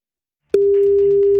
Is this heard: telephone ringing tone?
yes